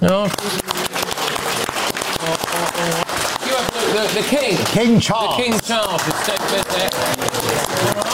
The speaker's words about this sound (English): So let's take a little vote on this, just by way of cheering, of course.